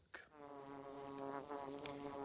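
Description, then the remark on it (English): Bees buzz around their hollow tree where they produce honey, a steady drone that starts abruptly after a brief pause and holds at an even, fairly loud level throughout, with no voices. “And finally, he discovered the bee's tree.”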